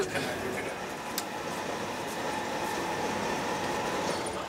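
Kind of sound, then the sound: vehicle, train rolling on rails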